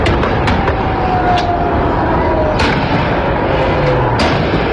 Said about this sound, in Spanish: La policía de la ciudad de Buenos Aires, miren los chicos, todos corriendo asustados. Y uno dice, ¿cómo puede ser esto? Vayan pasando, hay algunos más, otros videos de lo que pasó después del partido. ¿Escuchan los tiros?